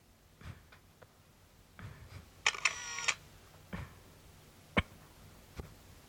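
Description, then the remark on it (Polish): A camera takes a photo of an A3 newspaper page: a sharp shutter click followed by a short whirring mechanical burst, surrounded by a few scattered soft clicks and handling taps, with no talking. “Okej. Okay. Robię zdjęcie.”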